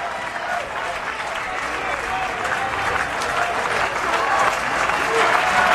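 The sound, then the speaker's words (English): A baseball crowd claps steadily at a 2-2 count, a dense wash of many hands that builds gradually and swells louder toward the end. “Crowd starts the clapping here at 2-2.”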